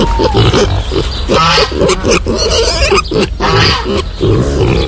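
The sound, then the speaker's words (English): Several pigs roaming free in the New Forest during pannage season grunt and oink in a busy, continuous jumble of snorts and squeals, loud and overlapping throughout with no one talking. “Pigs are now officially allowed to roam free as part of panage season.”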